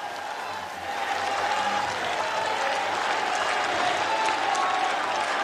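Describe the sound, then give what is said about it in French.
A large crowd outside a cathedral claps and cheers in sunshine as the pope greets those who followed the Vespers prayer from outside, a steady dense wash of applause that swells after the first second and holds evenly. “Vous entendez peut-être les cris d'acclamation.”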